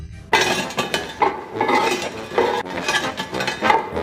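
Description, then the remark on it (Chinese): More than 13 kinds of spices, stir-fried in an iron wok and cooled, being ground by hand into powder for cooking crayfish: gritty crunching and scraping in steady repeated strokes, with faint metallic clicks, continuing for several seconds with no one speaking. “手工研磨调料不仅使得味道更香，也方便烧制13箱小龙虾时使用。”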